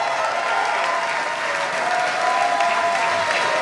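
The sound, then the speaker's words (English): A sold-out crowd applauds a band at the Free at Noon live show, a dense wash of clapping that stays loud and even for a few seconds, with a faint tonal hum running underneath. “We've got a sold-out crowd with us today. Again, their new record is …. Please give it up”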